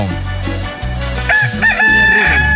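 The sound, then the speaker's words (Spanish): A rooster crows loudly, one drawn-out cock-a-doodle-doo with a wavering, strained finish, over a steady low background hum. “¡Qué bonito canta mi gallo!”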